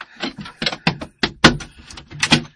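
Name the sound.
door being slammed shut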